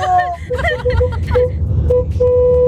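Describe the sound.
A car horn honks a couple of times, the second blast held longer, over a low engine rumble with voices chattering underneath.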